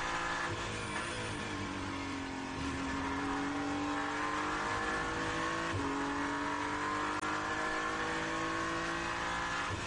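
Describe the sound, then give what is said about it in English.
A hypercar race car engine roars loudly and steadily, its pitch climbing, briefly dropping with a gear change, then rising again as it powers past another car at speed during a race. “hypercar coming past Dan Harper as he just lifts for a moment and allows the car to go back”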